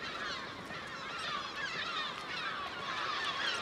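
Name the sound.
common guillemot colony calls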